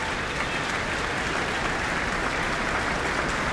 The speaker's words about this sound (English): The orchestra on their feet again to receive their applause.